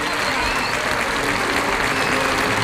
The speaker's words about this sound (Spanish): Vuelve a recibir la ovación del público Sergio Galán, y yo creo que esto está visto para sentencia.